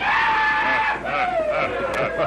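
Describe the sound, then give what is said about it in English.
A rodeo rider's loud, drawn-out yell at an afternoon rodeo, continuous, its pitch wavering and dipping across a couple of seconds, with a faint murmur of a large crowd underneath. “Time after time, they heard a familiar yell.”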